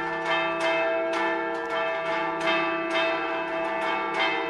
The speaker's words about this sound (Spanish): Suenan las campanas, tradición también en este programa. Antes de que termine el Tajaraste de hoy, suenan las campanas de la Catedral Lagunera, porque el Cristo ya está en la calle.